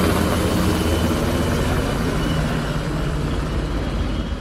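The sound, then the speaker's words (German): A steady, loud mechanical drone with dense low-frequency rumble fills the scene: Bundeswehr and police helicopters circling over a city in the late evening during a military and civil emergency exercise, rotors and engines overhead, holding constant throughout with no voices. “Über der Stadt kreisten Hubschrauber von Bundeswehr und Polizei.”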